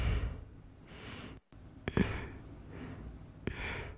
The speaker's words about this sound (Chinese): 这个体力消耗，我看到他现在已经开始在大口的喘气，很累的。